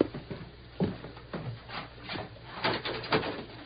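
A door is opened: a series of wooden clunks and rattling latch sounds, with a short creaking scrape, over a steady low hum. No one speaks.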